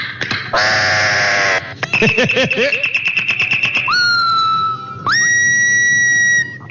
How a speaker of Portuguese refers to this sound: E é um passarinho, mas é um espetáculo. É bonito esse passarinho, viu? Quem é o cantor? Ó. Que coisa boa, hein? Escutar o canto desse passarinho. Ó. Eu quero saber que passarinho é esse aqui, ó.